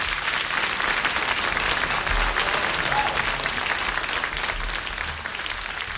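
A crowd applauds steadily, a dense wash of clapping that holds at full strength for about five seconds before easing slightly at the end.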